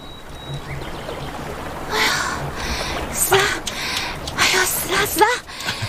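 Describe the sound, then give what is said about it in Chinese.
A steady rush of a flowing mountain stream fills the scene, with scattered bird calls and chirps rising over it near the middle and end, moderately loud throughout. “这个山浪向除脱鸟叫声、水流声，没孩子的哭声呀。”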